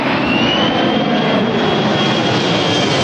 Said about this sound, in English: The C-17 Globemaster in all its glory. We're used to watching it thunder over Brisbane from below.